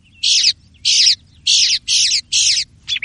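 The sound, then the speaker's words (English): A mockingbird sings about six loud, harsh, buzzy high-pitched phrases in a steady rhythm, each separated by a brief pause, over a faint low rumble. “A mockingbird can sound like anything.”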